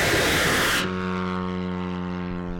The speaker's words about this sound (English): The soldiers rev up the engine. And then comes a flash of fire. The drone flies up into the night sky. Drone number three. One after another, more drones are launched.